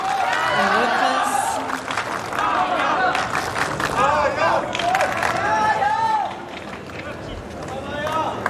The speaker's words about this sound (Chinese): 现场的观众也在给郑新闻给予掌声，希望借此给他提供更多的力量。医疗暂停结束啊，比赛继续。现场的观众也都在给郑新闻加油。